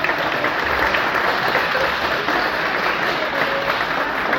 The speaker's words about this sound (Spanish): Estamos de manteles largos, tenemos al presidente del Congreso, Guillermo Memo Ramírez, diputado del Distrito 21, un aplauso por favor.